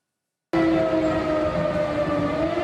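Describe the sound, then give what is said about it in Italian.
After a brief silence, a loud air raid siren abruptly starts in Lublin, eastern Poland, holding a steady, droning wail with a faint rumble of noise beneath it and no voices. “A Lublino e in tutta la Polonia orientale risuonano le sirene.”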